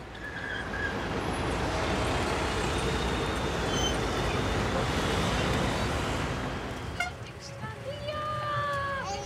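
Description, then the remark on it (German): A sightseeing tour bus rolls through busy city traffic in Budapest, Hungary, with a loud, steady engine and road rumble. Near the end the roar eases and brief tonal sounds and voices come through. “Stadtrundfahrt per Bus durch Budapest.”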